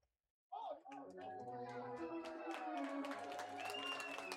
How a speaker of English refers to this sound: The fans applaud a young fan who caught it off the ricochet. It's really the only thing they've had to cheer about in the late innings tonight.